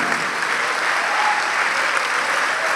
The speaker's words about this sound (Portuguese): Ô glória, vamos aplaudir mais, vamos aplaudir mais.